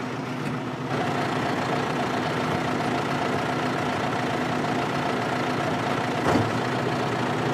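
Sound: tractor engine running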